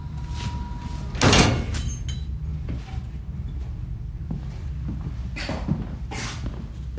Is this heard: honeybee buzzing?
no